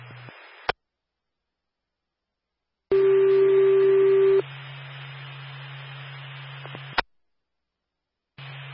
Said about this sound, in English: This tone is for Claremont Public Safety Services.